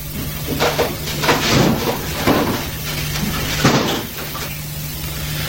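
A terrace door is opened with a series of scraping, rattling knocks and clunks spread over a few seconds, over a steady low hum.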